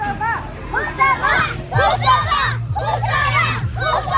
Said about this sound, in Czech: Asi nejhlasitější fanouškovský tábor tady, zdejší základní škola Husova liberecká. Děti si vyrobili plakáty se jmény svých hrdinů, spolužáků.